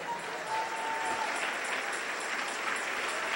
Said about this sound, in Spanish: Aleluya. Denle un aplauso al Rey.